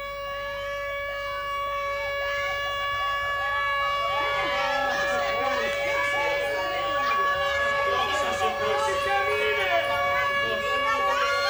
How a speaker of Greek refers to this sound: ο συναγερμός τέλειωσε.